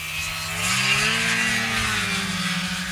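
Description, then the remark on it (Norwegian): A snowmobile engine revs with a droning, buzzy whine whose pitch climbs and then slowly sags, staying loud and steady for the whole few seconds with no voices. “Mer enn hver femte norske snøskuter registrert I det minst folkerike fylket, så her det stemmer å hente.”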